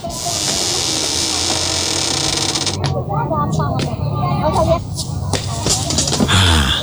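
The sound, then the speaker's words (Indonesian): A metal fence gate is dragged shut, its hinges creaking and squealing in drawn-out, wavering tones after a steady hissing rush, ending with a rattling clank. “Sebentar, saya tutupkan dulu pintu pagarnya Pak.”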